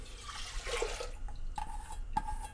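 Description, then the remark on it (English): Water splashes and gushes as 4.5 cups of water are poured into a preheated pressure cooker with dal for about a second, followed by two light metallic clinks with a short ringing tone. No one speaks. “And then I'm measuring 4.5 cups of water.”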